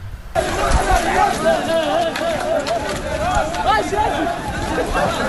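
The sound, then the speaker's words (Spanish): A large group of people running together toward the port as officers fail to hold them back, with a loud, continuous din of overlapping voices and scattered footfalls that holds steady for several seconds. “Fíjate cómo se les oye correr.”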